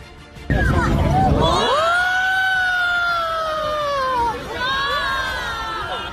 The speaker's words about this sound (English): That was quite the reaction. Wow. You can hear people there just yelling and gasping.